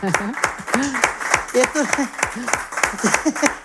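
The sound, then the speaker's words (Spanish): An audience applauds steadily after a singer performs a folía, with dense irregular claps throughout and voices calling out and cheering over the clapping at a moderate level. “Bueno, pues un aplauso, desde luego.”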